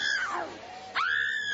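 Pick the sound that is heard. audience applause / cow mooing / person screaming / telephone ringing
person screaming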